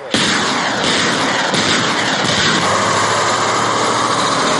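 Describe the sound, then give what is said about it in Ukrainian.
The engine of a BM-21 Grad rocket launcher truck roars to life and keeps running loud, a dense rumbling drone with a steady low hum underneath, no voices. “тепер він водій «Града». Бойова машина, найкраща машина.”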